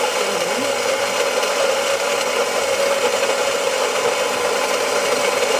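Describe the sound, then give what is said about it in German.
A coffee grinder in a coffee machine runs steadily, a loud, even mechanical grinding whir with a humming motor tone and a gritty rasp, holding constant for the whole stretch with no voices. “Die Kaffeemühle in einer Kaffeemaschine.”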